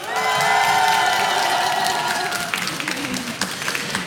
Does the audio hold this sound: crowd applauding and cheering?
yes